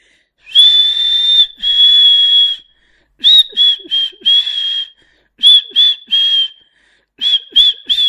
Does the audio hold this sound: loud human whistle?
yes